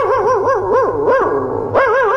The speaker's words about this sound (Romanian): Mămico, vecinii mi-au spus din ochor să ne reclame, pentru că în fiecare seară câinele nostru latră.